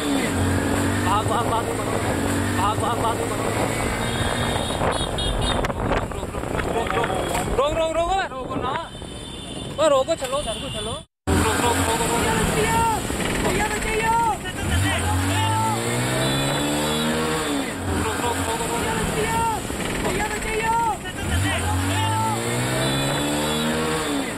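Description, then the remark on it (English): A car moves along a road with a woman clinging to its bonnet, recorded by a fellow driver: steady engine drone, rumbling road noise and wind buffeting the microphone, while raised voices call out over the traffic. “Basically clung to the bonnet of a moving car after she confronted her husband”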